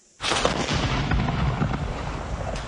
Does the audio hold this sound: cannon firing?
yes